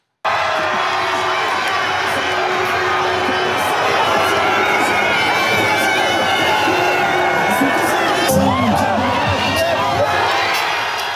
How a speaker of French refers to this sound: Mbappé exceptionnel qui inscrit son 3e doublé de ce mondial et permet aux Bleus de se qualifier pour les 8e, 3-0 face à la Suède. Ambiance au coup de sifflet final cette nuit, écoutez.